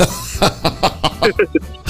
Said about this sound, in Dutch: Want ik hoor dat je aardig aan het kuchen bent. Weer verkouden? Nee, dat is mijn zoon die naast me zit.